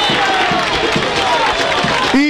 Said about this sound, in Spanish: Indiscutiblemente que los gritos que usted escuchó de festejo y de alivio son de los hinchas de 9, porque estaba casi perdido el partido y la serie quedaba muy renga a favor de Unión por la ventaja deportiva, pero así es el fútbol.